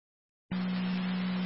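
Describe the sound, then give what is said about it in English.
After a short silence, a dispatch paging tone, the second set of tones for an EMS call, starts abruptly and holds one steady, low pitch over a hissy radio channel, loud and unbroken to the end. “3882 Southbound 4, your second set of tones for the EMS call at in tandem 6084 Rear Drive.”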